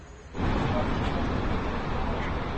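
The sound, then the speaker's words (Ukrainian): A steady, dense roar of city traffic at a busy, crowded intersection in the evening swells in after a brief quieter moment, with buses and cars rumbling in a continuous wash of engine noise. “Ось, власне, маршрутка, в яку влучило FPV, і ми бачимо, що це доволі велелюдне перехрестя, тут і машин, і людей багато, навіть зараз, увечері, продовжують рух автобуси.”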